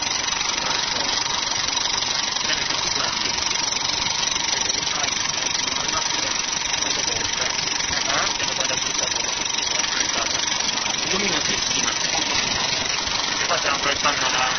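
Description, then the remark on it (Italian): Film projector gears run steadily for the whole stretch, a continuous mechanical whir with a faint rattle and a constant hum, never pausing or changing pace. “Ecco, il rumore degli ingranaggi.”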